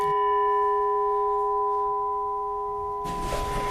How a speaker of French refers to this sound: Alors c'est un gong birman, donc un son typique des gongs birmans qui rappelle les monastères du Birmanie.